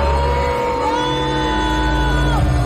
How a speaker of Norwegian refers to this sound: De ble møtt av buing fra publikum.